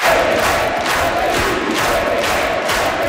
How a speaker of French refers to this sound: Le premier ministre désigné est entré sous les acclamations dans un salon rouge plein à craquer à l'Assemblée nationale.